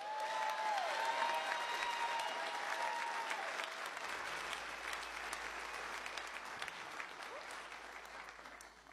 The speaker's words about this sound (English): Clapping real loud for St. Albans out there. Only 15 minutes from my hometown this evening.